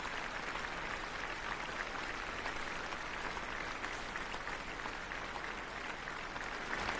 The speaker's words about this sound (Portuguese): Um concerto de verão em alto astral, com essa filarmônica maravilhosa. Vamos ouvir os aplausos.